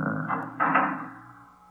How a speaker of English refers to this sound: Just a moment. Till I close the fire door.